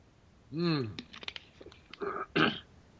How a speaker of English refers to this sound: Let me get a slurp here. Slurp time!